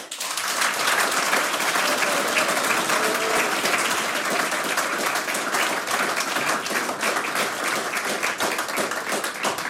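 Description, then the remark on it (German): Steady, dense applause from a large audience thanking the performing folk music groups, many hands clapping continuously at an even loudness for the full length without pause, with no talking over it. “Das ist euer Applaus.”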